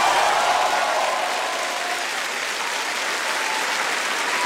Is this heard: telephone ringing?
no